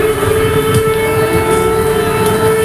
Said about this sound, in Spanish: Desde que el jueves sonaran las alarmas antiaéreas en la zona fronteriza entre Polonia y Ucrania, en las cancillerías europeas no dejan de repetir que algo se está cociendo.